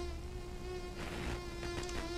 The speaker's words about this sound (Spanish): Yo no sé por qué hay mosquitos, pero, pues por algo en este mundo existen los mosquitos y para ello, escucha esto.